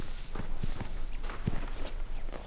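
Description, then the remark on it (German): A stallion's hooves thud dully as it walks on a farm while being trained, several uneven steps on soft ground, set against a steady hiss of background noise. “Dieser Hengst muss sich unterordnen.”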